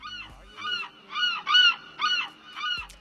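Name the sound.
seagulls calling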